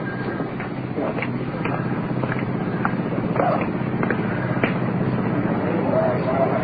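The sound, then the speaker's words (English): An iron lung motor runs with a steady, dull mechanical drone, punctuated by regular soft clicks roughly every half second, while a child is placed in the lung with the mother alongside; faint murmuring voices underneath. “Motor of the iron lung working.”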